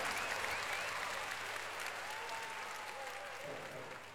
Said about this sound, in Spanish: Fuerte aplauso para el número uno, el … argentino.